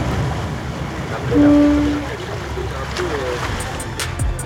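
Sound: boat at sea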